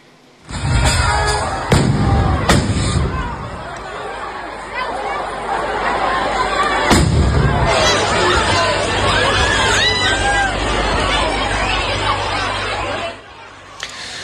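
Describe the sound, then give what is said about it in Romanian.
Several sharp, loud firework bangs burst, a few in quick succession early on and another later, over a constant dense babble of panicked crowd voices, at a fireworks display held for a town's local day in a small town in northern Spain. “Momente de panică într-un orășel din nordul Spaniei după ce spectacolul de artificii organizat de ziua localității a fost la un pas să se transforme într-o tragedie.”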